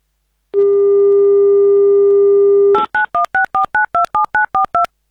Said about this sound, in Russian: Так, набрали номер. Ждем теперь гимн Авторадио. Никаких скучных гудков.